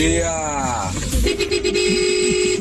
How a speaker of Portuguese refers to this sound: Sai daqui da área portuária aqui, ó. Olha o buzinaço. Aê, parceira. Os caras estão fazendo um barulho legal na madruga com a gente aqui na Band FM, olha lá.